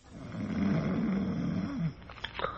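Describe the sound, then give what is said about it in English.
A big, heavily muscled elderly man lying on his back in traction in a hospital bed snores loudly and deeply for nearly two seconds, a single long rattling breath that ends abruptly and gives way to faint breathy noises. “From behind the curtain and the other bed in the room, from the big, heavily muscled aged man in it, comes a rhythmic and ear-shattering snore.”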